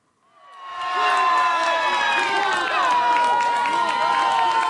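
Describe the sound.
A crowd of fans in Urca, a neighbourhood below Sugarloaf Mountain in Rio de Janeiro, erupts in loud, sustained cheering over Brazil's 1:0 goal against Haiti at the World Cup, a dense wall of shouting voices that swells within the first second and holds steady throughout.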